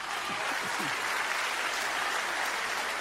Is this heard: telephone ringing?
no